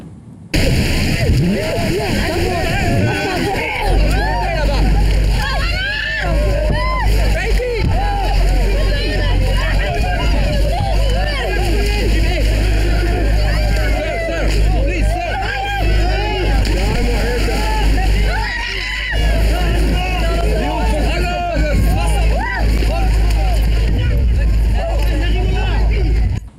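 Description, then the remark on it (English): A crowd of immigrants shouts and chatters as they pile onto a small boat that has come into Equin Plage beach, south of Boulogne, over the steady drone of an idling boat motor, with wind and rushing water noise running continuously throughout. “So what we were looking at there and those listening on radio was the illegal immigrants piling onto a boat that had come into a beach called Equin Plage, which is south of Boulogne on Wednesday,”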